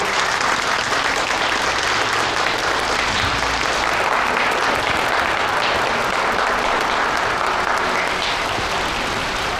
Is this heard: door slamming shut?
no